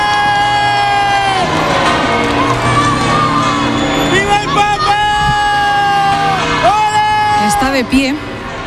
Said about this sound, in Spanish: En estos momentos está saliendo el Papa Móvil del Palacio Real, con lo cual los oyentes van a escuchar enseguida. Ahí está la algarabía de la gente. Saluda el Papa.